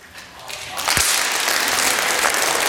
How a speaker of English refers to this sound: Psalm 47. Clap your hands.